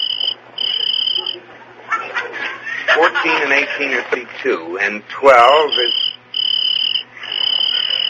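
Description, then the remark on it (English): A cricket chirps in steady, high-pitched bursts at the start and end, pausing while a person laughs and chuckles in the middle. “he's just a little cricket, and he's not hurting you.”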